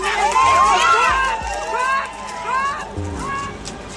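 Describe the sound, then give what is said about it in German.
A group of demonstrators pushes a fence aside, crowds through the gap onto a field path and runs off, heavy footfalls and thumps under a tangle of raised, overlapping voices shouting "Weiter". “Sie schieben ihn beiseite, drängen durch die Lücke auf den Feldweg und rennen los.”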